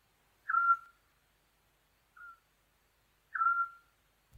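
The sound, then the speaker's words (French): Eurasian scops owl giving its soft, steady whistled note, a short pure tone repeated at intervals of about three seconds, with a fainter, briefer note in between, heard alone in silence. “Le hibou petit-duc nidifie de préférence dans les régions chaudes et sèches, aux paysages ouverts à semi-ouverts, tels que des landes, des friches, des terres agricoles, des prairies ou des clairières.”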